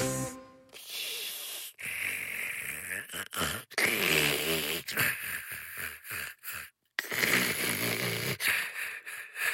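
A person snores loudly for about nine seconds, a string of rasping, rattling breaths with snorts and wheezy exhales, repeating in an uneven rhythm with brief pauses between them and no talking.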